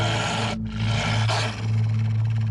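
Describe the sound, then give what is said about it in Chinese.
A pack of grey wolves approaching a blazing campfire in the desert growls in low, rasping snarls that rumble continuously, several throaty voices overlapping with brief dips before swelling again, with no talking. “只见熊熊的篝火外正压来一匹灰色的狼群。”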